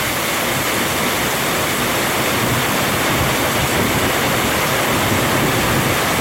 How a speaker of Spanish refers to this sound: Lluvia con granizo en inmediaciones de San Francisco La Chigoló, en el distrito de Tlacolula de Matamoros.